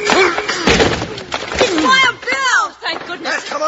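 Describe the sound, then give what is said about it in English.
The door of the Banner office is rammed open with a shoulder: a few heavy thuds and a loud splintering crash, mixed with excited shouting voices throughout. “Put your shoulder to the door, Jingles. All right. Together now.”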